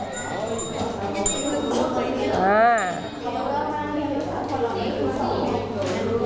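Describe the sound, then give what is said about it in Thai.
A desk bell dings a few times, short bright metallic rings, hit by students who have finished their work, over a busy background of many voices talking at once. “Have you finished?If you have finished, just hit the bell.”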